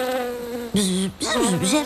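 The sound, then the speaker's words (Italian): Loud buzzing of bees in three bursts, the drone rising and dipping in pitch with a brief gap between swells. “Ah, ecco, Flora sta parlando con le api.”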